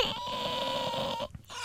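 A child cries and whimpers in one long, thin, wavering whine that holds steady for over a second before breaking off abruptly, followed by a brief quieter sob.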